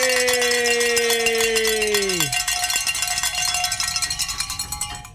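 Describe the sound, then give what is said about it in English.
Bells are rung to celebrate reaching a fundraising goal, clanging in a fast, continuous jangle with a bright sustained ring. A pair of lower tones drop sharply in pitch and fade early on while the ringing carries on loudly to the end. “And I just got word we can ring some bells, gentlemen. We have reached our goal.”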